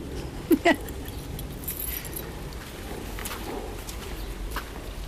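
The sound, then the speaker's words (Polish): Keys jangle, with a couple of quick metallic clicks early on as a newer replacement key, which does not fit as well as the old one, is tried in a lock. Steady, quiet background noise follows, with no talking. “No, a ten jest nowy, bo tam się złamał mężowi i on moje zabrał, że jest tamten stary taki klucz, a teraz i ten tak nie pasuje jak tamten.”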